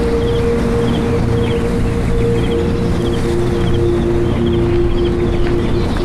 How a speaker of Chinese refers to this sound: 这里的植被大部分是原生林，山上的风吹过了千百年，我相信我跟陆游一定听到的是同样的风声。